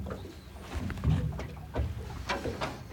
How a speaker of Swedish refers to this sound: Ja, men jag är tillbaka här vid nyckelgrundet där vi var igår. Kanske att man hör lite tärnor en bit bort, men annars hör man ju klucket i alla fall från... Jag håller nästan på att säga havet.